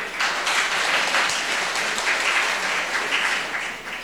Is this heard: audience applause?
yes